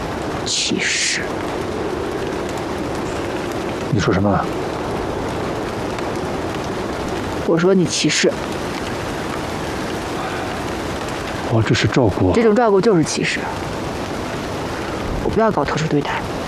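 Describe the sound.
Steady, dense rain pours down in cold weather throughout, a continuous hiss of drops hitting the ground. A few short bursts of speech cut in now and then over the downpour.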